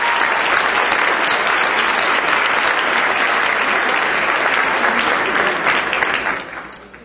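A big round of audience applause, a dense steady clatter of many hands clapping at full volume for several seconds before tapering off at the end.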